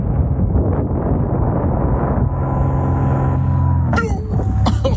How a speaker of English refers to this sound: And then when you hear the interruption, that is a small airplane flying directly between the person and the parachute of the paraglider right in front of them, right above them.